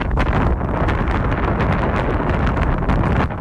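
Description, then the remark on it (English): Strong wind buffets the microphone in a steady, loud roar while flying over the Pacific, with rumbling low-end gusts and occasional crackling bursts throughout, and no voices present. “Unfortunately, it was quite windy up there, so I couldn't really hear them.”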